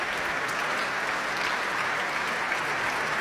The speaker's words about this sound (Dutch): Groot applaus hier voor de pianist Jefim Bronfman.